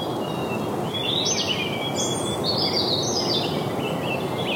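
A European robin, often one of the first birds to begin singing, sings a thin, high, warbling phrase in the distance, soft and tumbling, over a steady wash of outdoor background noise.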